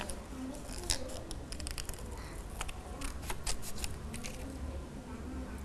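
Scissors snip steadily through colored paper, cutting out an eye for a paper chicken craft, a series of crisp, irregular cuts over a low background hum, with no one speaking.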